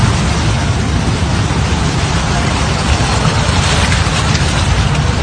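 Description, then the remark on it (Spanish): Ocean surf swells roll onto the shore at Boca del Río in a loud, continuous roar, a dense steady rush of churning water with no distinct breaks between waves and no voices. “Una vez más sigue saliendo el oleaje aquí en Boca del Río.”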